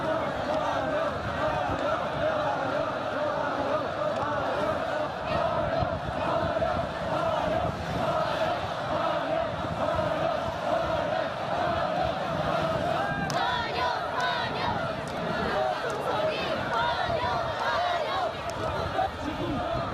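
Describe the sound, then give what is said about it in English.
A large crowd of well-wishers dressed in traditional costumes, lining the route of President Xi Jinping's motorcade on its way to Mulan Hall, cheers and shouts without pause, a dense, steady roar of many voices blending together for the full stretch. “As President Xi Jinping's motorcade made its way to Mulan Hall, crowds of well-wishers dressed in traditional costumes lined the route.”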